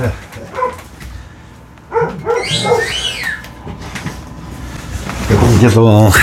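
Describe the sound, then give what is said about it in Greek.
A Rottweiler barks in several deep, irregular, loud bursts, while a person talks in between and over the barking. “Και το Ροτβάιλερ, γαβγίζει, τι να κάνουμε, ζητάω συγγνώμη.”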